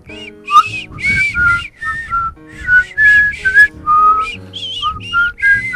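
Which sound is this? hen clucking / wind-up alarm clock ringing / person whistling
person whistling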